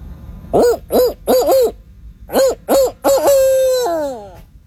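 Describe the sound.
A person imitates a barred owl's hooting call: a rhythmic series of loud hoots in two bursts, ending with a long drawn-out descending hoo-aww, no other sounds around it.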